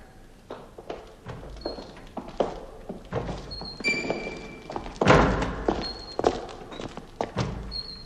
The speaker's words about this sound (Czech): To, co jsme zrovna slyšeli, byly dveře, které se větrem zavírají a otvírají.